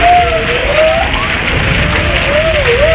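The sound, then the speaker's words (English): A humpback whale call: a high, wavering moan that slides up and down in pitch over a steady hiss of rushing, rain-like noise, with no one talking. “The answer is a humpback whale.”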